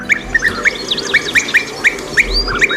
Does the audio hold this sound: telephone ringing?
no